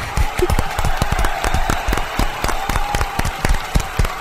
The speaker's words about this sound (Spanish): ¡Oh, bien! ¡Aplausos!